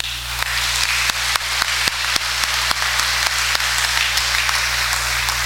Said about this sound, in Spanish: Les damos un aplauso.